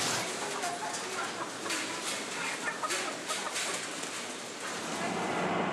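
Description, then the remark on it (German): A crowded flock of white hens clucks and chatters continuously, many birds overlapping into a dense, steady barnyard din with no pauses. “Hier haben wir das erste Mal weiße Hennen.”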